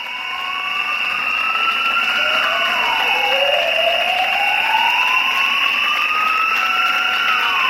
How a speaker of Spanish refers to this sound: Y escucháis las sirenas de los bomberos de la ciudad de Zaragoza solidarizándose frente a la sede de la Diputación Provincial con sus compañeros y compañeras de la Diputación Provincial.